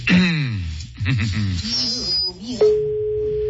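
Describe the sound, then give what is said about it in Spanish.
A voice talks over a faint low hum, then a steady, single-pitched telephone ringback tone starts and holds clearly to the end as an outgoing call to line 1 rings during a live radio broadcast. “Está sonando el teléfono ya.”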